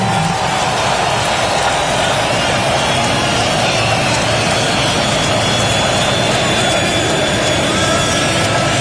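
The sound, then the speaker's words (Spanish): A loud, steady roar from a large stadium crowd whistling as Trump and Infantino hand the cup to Spain's Rodri, with shrill whistling threaded through the noise for the whole stretch and murmured voices buried underneath. “Y ahí se va cantando y aplaudiendo Trump, silbidos del estadio, y se queda Infantino, que lo retira a Trump.”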